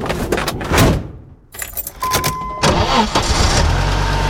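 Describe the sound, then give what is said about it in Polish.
Keys jingle briefly, then a car engine cranks and turns over, catching into a steady low idle. Fairly loud, with no voices. “Nie ma problemu. Mamy samochód.”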